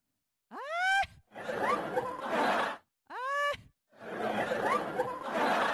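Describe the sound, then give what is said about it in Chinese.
A voice imitates an aunt's snoring heard in the middle of the night, in two close, fairly loud cycles, each a short high-pitched whistling inhale followed by a long, rough, rasping exhale. “后来我认真听，我说啊，我四姨打呼噜，他咋打的？他这么打的？”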